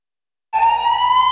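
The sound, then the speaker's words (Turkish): After a moment of silence, an ambulance siren suddenly blares loudly, holding one steady piercing wail with a slight upward pitch drift. No one speaks. “Hastaneye ulaşamadığımız her saniye ambulanstaki hastanın hayata tutunmasını zorlaştırıyor.”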